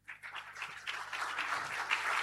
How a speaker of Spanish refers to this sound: Que se escuche ese aplauso.